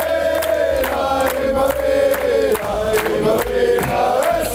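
A large crowd chants and shouts a loud, sustained football cheer in unison, with rhythmic bursts of voices rising and falling over a steady roar.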